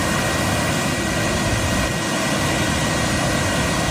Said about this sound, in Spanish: Escuchar el río cuando lleva agua, porque hay veces que está bastante seco, ¿no?